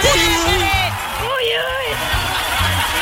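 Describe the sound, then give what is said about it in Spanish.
Festive "uy uy" whooping shouts with sliding, wavering pitch ring out over a lively crowd and a rhythmic thumping background, loud, with a couple of drawn-out yells. “¿Cómo se hace ese grito? Necesito aprenderlo, familia. Ese grito del uy uy, pero ¿cómo es?”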